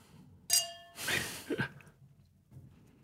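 Glasses clink together once in a toast, a bright ringing tone that fades within half a second, followed by a soft breathy exhale against a quiet background.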